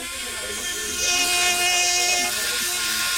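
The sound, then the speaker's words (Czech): A handheld orthopedic surgical bone saw, shaped like a cordless drill, whirs with a steady, high-pitched motor whine, running continuously and growing slightly louder midway before holding steady. The tool is used to make cuts in bones in orthopedics. “Máte v ruce takovou jako kdyby akuvrtačku, ale vypadá to spíš trošku jako pilka.”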